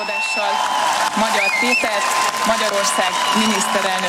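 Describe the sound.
A large crowd in and in front of the parliament cheers and claps as the new parliament speaker announces Peter Magyar as the new prime minister, a steady, loud wash of noise with raised voices and shouts rising out of the din for the whole stretch.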